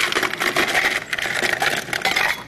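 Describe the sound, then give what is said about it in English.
Ice rattles hard inside a stainless steel cocktail shaker as a mojito made with white rum is shaken, a fast, steady metallic clatter that keeps going without a break for a couple of seconds. “We're going to shake this.”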